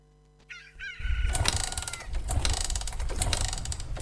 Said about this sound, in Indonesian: Pagi-pagi gini udah manasin motor. Ini biasa, tugas rutin.